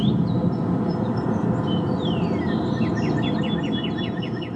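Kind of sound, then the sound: bird, northern cardinal song recording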